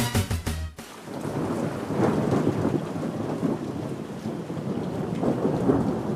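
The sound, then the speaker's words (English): A thunderstorm: a sharp crackling burst gives way to a loud, continuous wash of heavy rain with deep rolling thunder rumbling underneath, steady throughout. “When storms threaten, minutes matter.”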